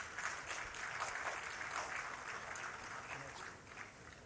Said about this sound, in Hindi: अब बढ़ते हैं राष्ट्रीय हथकरघा पुरस्कार 2025 की ओर। जोरदार तालियों से स्वागत कीजिए बुनाई वर्ग के लिए ही तमिलनाडु राज्य से आए अन्ना मलाई मारीमुतो, आपका विशेष उत्पाद है कांचीपुरम रेशमी साड़ी और ये जॉइंट अवार्ड है।